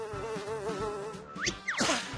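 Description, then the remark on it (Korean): A dung fly buzzes steadily in flight, its whining drone wavering in pitch, then swoops past with quick rising and falling glides. Fairly loud, with no talking. “똥파리 비행사님, 저 여기서 그냥 내릴래요.”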